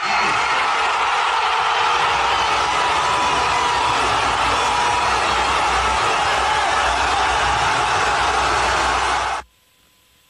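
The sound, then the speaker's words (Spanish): Tens of thousands of football fans jump, shout and cheer in celebration of a goal, a loud, dense, unbroken wall of shouting that holds steady for about nine seconds before cutting off abruptly. “Decenas de miles de aficionados saltaron y gritaron, mientras que otros se abrazaron no solo con amigos, sino hasta con desconocidos.”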